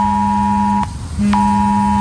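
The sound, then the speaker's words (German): A loud, harsh electronic alert tone blares in steady pulses, two overlapping pitches cutting out briefly and restarting: a mobile phone emergency warning for the warning day in Thuringia, Germany, when alarm systems for war and disaster are tested. “Schrillende Handys und heulende Sirenen, darauf solltet ihr euch heute Vormittag einstellen.”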